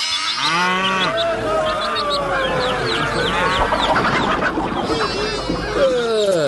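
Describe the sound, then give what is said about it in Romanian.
A hen offered for sale at a market fair clucks amid a busy chorus of farm animals, with a cow's low, drawn-out moo and chattering fowl calls filling the scene steadily throughout. “De vânzare, găinușa aceea, băi, băiete.”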